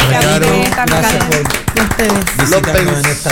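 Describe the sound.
An audience claps steadily and fairly loudly for a few seconds, the sharp claps overlapping while voices keep talking over the applause.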